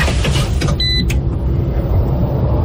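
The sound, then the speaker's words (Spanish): A new Citroën hybrid SUV driving with a steady low rumble of engine and road noise throughout, broken early on by a short, high electronic tone. No one speaks. “¿Escuchas eso? Exacto. Así suena el futuro. Llegó la nueva SUV híbrida de Citroën a Comagro Chía.”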